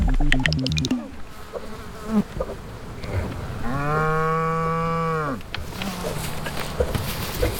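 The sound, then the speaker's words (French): A large Normande cow gives one long, loud moo, lasting a couple of seconds, amid a buzzing insect and general farmyard background noise. “Ça y est, notre mouche est posée sur la bouse d'une grosse vache normande.”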